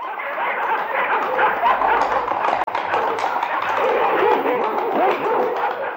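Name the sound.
hunting dogs barking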